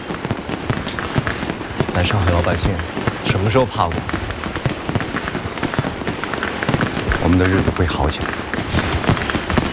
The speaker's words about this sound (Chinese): 没了电灯，烟花更亮了。是的，哎，你好，你看那个烟花，像上一朵散开的花朵，是不是很好看？ 好看。 烟花鞭炮照旧，咱上海老百姓什么时候怕过？